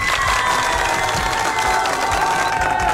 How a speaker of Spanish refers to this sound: Un aplauso para esta pareja que está enamorada, por favor.